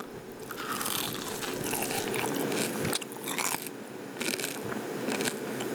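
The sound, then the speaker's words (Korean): Loud crunching as crispy nurungji (scorched rice) layered under a potato pancake is bitten and chewed, with dense crackly bursts repeating steadily over several seconds and no talking. “자, 아니 이게 누룽지가 밑에 깔려 있어가지고 응? 엄청 바삭해요.”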